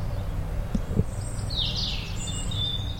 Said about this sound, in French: Des oiseaux. J'adore les oiseaux.